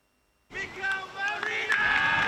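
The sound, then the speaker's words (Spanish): After a brief silence, a group of football teammates bursts into an ovation welcoming Mikel Merino back to training after four months injured: loud overlapping cheers, whoops and shouts with a few sharp claps, sustained to the end. “Y así, con esta ovación, recibían sus compañeros a Mikel Merino, que se ha incorporado a los entrenamientos tras 4 meses lesionado.”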